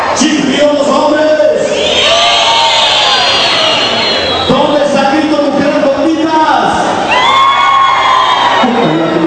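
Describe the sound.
A loud event crowd cheers and shouts continuously, with rising whoops and yells standing out over a dense wall of voices, sounding energetic throughout.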